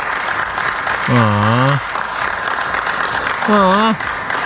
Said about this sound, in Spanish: Espérate. No aplaudan, espérense.